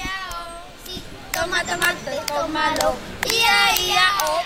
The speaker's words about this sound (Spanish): Sí, ellos, ya habéis escuchado, son niños y niñas que están jugando, correteando por aquí, por el polideportivo.